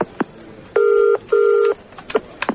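telephone dialing and ringing

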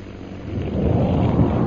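bomb explosion

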